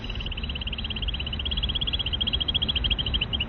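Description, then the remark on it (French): A female bird's rapid, high-pitched trill runs continuously as a steady string of fast repeated notes, heard over a low, rumbling background noise. “Alors là, je vous montre d'abord juste théoriquement à quoi ça ressemble les petites trilles que les femelles peuvent faire justement lorsqu'elles entendent des postures.”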